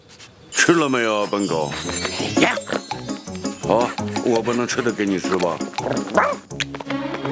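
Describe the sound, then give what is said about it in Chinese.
A dog, Odie from Garfield, yips and barks excitedly, with a rapid run of high, whiny vocalizations that rise and fall in pitch for several seconds without pause. “吃了没有，笨狗？”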